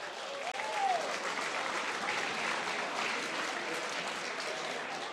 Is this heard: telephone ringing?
no